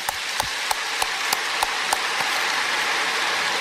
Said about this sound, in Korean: 이럴 때 하나님께 좀 감사의 박수를 올립시다.